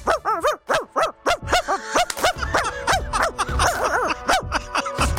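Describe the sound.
A person does a rapid, high-pitched imitation of a chihuahua's yappy barking, with sharp yips repeating in quick succession for several seconds, fairly loud.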